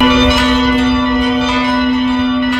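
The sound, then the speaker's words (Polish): Church bells ring loudly and continuously in churches of the Archdiocese of Warsaw and the Warsaw-Praga diocese at 17:00, marking the anniversary of the outbreak of the Warsaw Uprising. Their overlapping peals blend into a dense, sustained metallic hum with a few fresh strikes rising through it. No one speaks. “Punktualnie o 17 w godzinie W dzwony zabrzmią we wszystkich kościołach archidiecezji warszawskiej oraz diecezji warszawsko-praskiej.”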